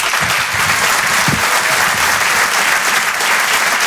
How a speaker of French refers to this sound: Je vous demande de l'applaudir lui aussi très fort.